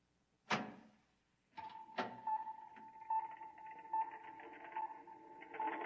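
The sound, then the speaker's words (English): A heavy door opens with a sharp clunk, then a couple of mechanical thuds and a steady electric hum as it slides along, with no one speaking. “Open the door.”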